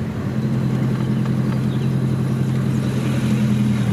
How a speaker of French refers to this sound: Et comment tu fais tous les jours pour savoir où sont ces 300 animaux? Je tourne en voiture.